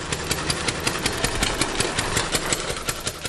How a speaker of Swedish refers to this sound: Ja, nu lät den första motorcykeln inte så här eftersom Reitwagen, som den kallades, var gjord av trä och hade en fyrtaktsmotor med en topphastighet på 11 km i timmen. Den lät snarare så här.